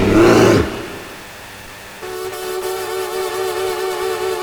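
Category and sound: sound effect, bear roar sound effect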